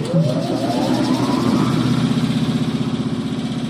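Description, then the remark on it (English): A sandblasting machine at Maine Memorial Company is switched on to sandblast a stencil, its motor whining upward in pitch for a second or two before settling into a loud, steady, throbbing drone with a fast pulsing rumble. “A flick of the switch boots up the machine.”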